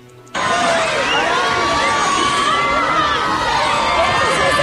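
A large crowd bursts into loud, continuous cheering after a brief moment of quiet, with many overlapping high-pitched shrieks and excited shouts sustained throughout, as Brad Pitt arrives on the red carpet at the San Sebastián International Film Festival at the María Cristina.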